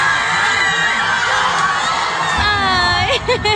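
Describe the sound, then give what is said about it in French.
A large crowd of Mexican football supporters cheers and shouts continuously in the streets of Mexico City after the match against England, a dense wall of voices with high whoops and whistles rising near the end. “Déception forcément pour les supporters chez eux, même si la fête a continué dans les rues de Mexico.”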